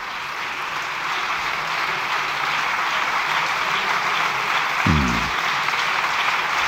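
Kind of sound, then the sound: crowd, long applause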